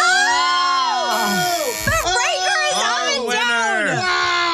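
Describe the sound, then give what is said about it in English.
A loud chorus of booing on the Bobby Bones Show, several voices holding long, wavering low tones that swell and fall in overlapping waves for a few seconds. “You've been booed.”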